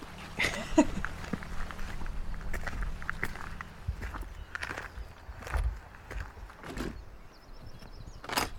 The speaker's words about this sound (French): Elle monte lentement l'échelle, épuisée par une longue journée de travail.